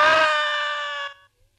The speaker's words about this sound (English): I screamed. I screamed so loudly there was blood in my throat.